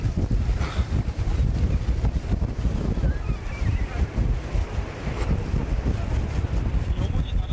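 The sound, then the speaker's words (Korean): A loud, steady roar of strong wind buffets the microphone as sea waves surge and crash against a boat at a bluefin tuna farm at sea during feeding, the rough water churning continuously throughout. “와, 이게 파도 치는데.”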